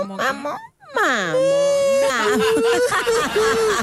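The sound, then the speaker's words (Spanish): An adult voice imitates a whimpering baby, talking like a baby to get things, producing high, wavering, pitch-gliding whines with a brief pause early on, fairly loud, with no clear words. “Yo le hablo como guagua, así, para conseguir las cosas.”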